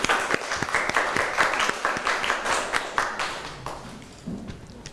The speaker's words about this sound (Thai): ตอนนี้เราไปดูกันว่ากลุ่มที่3จะนำภาคไหนมานำเสนอให้พวกเราดูขอเสียงปรบมือให้กลุ่มที่3ครับ